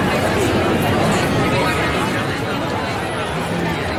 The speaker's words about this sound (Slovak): A potom tu máme aj dav ľudí.